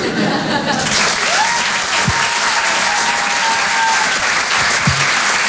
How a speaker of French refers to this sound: Merci beaucoup. Ouais. On peut applaudir très très fort, nous ici,